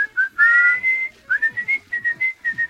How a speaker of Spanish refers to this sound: llegaste también otro tema. El que era silbado en un principio.